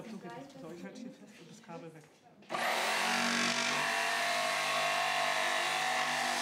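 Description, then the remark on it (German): Someone speaks briefly, then an electric circular saw abruptly whirs to life and keeps running with a loud, steady, high-pitched drone for several seconds. “Und das Schöne an dieser Säge ist auch, die hat eine richtig schöne Schnitttiefe.”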